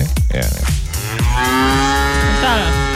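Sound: cow mooing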